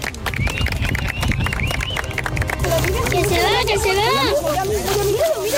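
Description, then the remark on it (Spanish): Thousands of people in Castilla y León, Spain, watching a solar eclipse, erupt in cheers and excited shouts over a dense wash of clapping and chatter, with rising, wavering voices calling out loudly throughout. “Con emoción, lágrimas y como ven con aplausos, así recibíamos los castellanos y leoneses a ese eclipse de sol.”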